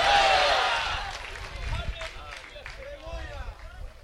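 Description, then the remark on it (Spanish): A burst of crowd applause from an audience applauding the Lord during a Spanish-language church sermon, loudest at the start and fading within about a second as a raised voice carries on over the dwindling claps. “Denle fuerte ese aplauso al Señor.”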